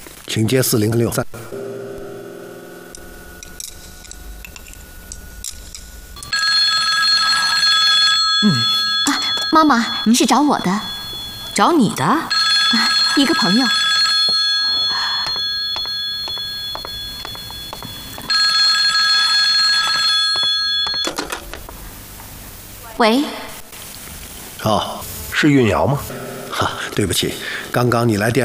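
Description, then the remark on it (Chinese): A telephone rings in two long, steady bursts of high, bright tone, separated by a pause, while people talk over and between the rings. “哈，对不起，刚刚你来电话的时候，我正在忙。”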